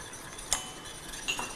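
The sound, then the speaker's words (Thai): A utensil scrapes and clinks twice against a pan while sauce, with added water and oil, simmers down to thicken and puff up, with a steady, soft bubbling hiss underneath; no one speaks. “จะเคี่ยวให้ตัวนี้เป็นซอสที่ฟูขึ้นมานะครับ ก็คือมันก็จะต้องละลายหมดเลยใช่ไหม”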